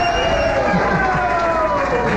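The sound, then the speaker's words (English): A large crowd cheers and applauds in a steady, dense wash of clapping and voices that holds at a constant loudness throughout. “Oh, this is a good crowd, I can see that.”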